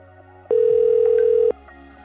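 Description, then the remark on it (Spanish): A telephone ringback tone sounds once as a radio host calls a listener picked in a draw, a steady one-second beep over a low background hum, with nobody picking up and no one speaking. “Suena que suena.”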